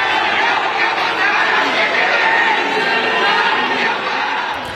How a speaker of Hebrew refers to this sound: עם קריאות בוז וחס, אוחזים בשלטים שמציגים את המאמן כפינוקיו עם אף מעוות וארוך, ואומרים, תחזיר את הכסף ותסתלק, דורשים פירוק מוחלט של התאחדות הכדורגל הדרום קוריאנית.